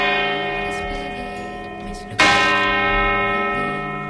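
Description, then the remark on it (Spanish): A large church bell of Santa María in Vitoria-Gasteiz, Spain, one not hung in a bell tower, rings out loud, its deep, sustained tone humming with layered overtones before a second sharp strike at about two seconds renews the clang and long resonance. “vamos a descubrir los secretos de las campanas de aquí de Vitoria-Gasteiz, Vania. Así suena la garbancera.”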